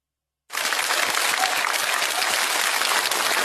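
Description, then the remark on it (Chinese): Audience applause starts abruptly after a brief silence and holds steady, a dense wash of many hands clapping at an even, fairly loud level until the end, with no voices over it. “谢谢 谢谢 谢谢各位朋友稀稀拉拉的掌声，谢谢大家啊！”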